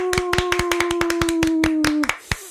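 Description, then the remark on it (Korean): A short burst of brisk hand clapping from a small group on a count of three, welcoming a traditional liquor sommelier guest from Jeonju; sharp repeated claps at an irregular quick rhythm, with a steady tone sustained beneath them, ending after about two seconds. “저희 그 박수로 한번 시작해 볼까요? 하나, 둘, 셋 하면 박수로.”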